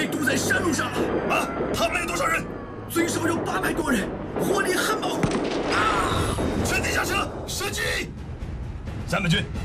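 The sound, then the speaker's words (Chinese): Repeated loud bursts of gunfire and blasts crack through a steady rumble in irregular volleys, with shouting voices mixed into the chaos: an ambush on a mountain road, where the lead and rear vehicles of a convoy were blown up, blocking it, and at least 800 attackers are firing heavily. “报告队长，头尾两辆汽车被炸毁，我们被堵在山路上了。”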